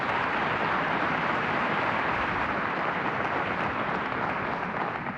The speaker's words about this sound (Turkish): alkışlarınız Tuğrul Şan için.